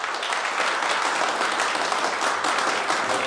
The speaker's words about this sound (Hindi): चारों तरफ तालियों की गूंज फैल जाती है।